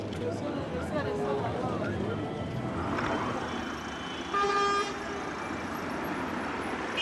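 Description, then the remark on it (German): Busy city traffic in Yaoundé, Cameroon, with a dense wash of engine noise and street chatter, broken by a loud, steady car horn blast midway and other shorter honks. “Heute kann man getrost von Verkehrschaos sprechen.”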